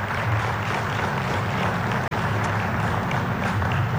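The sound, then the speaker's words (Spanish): An audience applauds two champions of a large football tournament. Steady applause lasts about four seconds, a dense, loud wash of many hands clapping at once, broken only by a split-second dropout midway. “Un fuerte aplauso a estos compañeros.”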